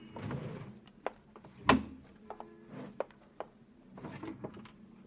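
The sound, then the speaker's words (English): A desk drawer slides and thumps, followed by scattered clunks and rustles as items in the desk drawers are rummaged through in an official search of an upstairs tenement room, with one sharp knock partway through, fairly quiet. “Same things in the desk drawers”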